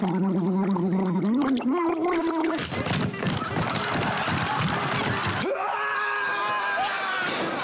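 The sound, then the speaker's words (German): A voiced, wavering hum slides upward, then breaks into loud, bubbling, throaty gargling lasting a few seconds before settling into a strained, tonal gurgle at the end. “Gurgeln. Gurgeln.”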